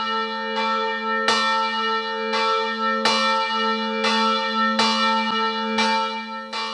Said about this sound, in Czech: Zvon svobody z klášterního kostela Zvěstování Panny Marie v Šumperku ohlásil nedělní poledne.